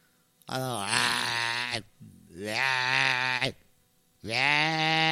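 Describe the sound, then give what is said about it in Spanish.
A voice imitates a ram's bleat, three long, loud, wavering bleats with a snoring, groaning quality, each lasting over a second with brief pauses between them. “Pues carnero roncas, viejo.”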